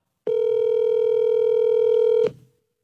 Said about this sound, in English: Oh, hold on, surprise, let me call my wife real quick. I got my phone here. I'll find out.